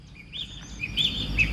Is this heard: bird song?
yes